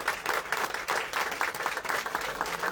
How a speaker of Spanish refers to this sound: ¡Aleluya! Alabado sea su nombre. Denle un aplauso fuerte al Señor si usted puede más.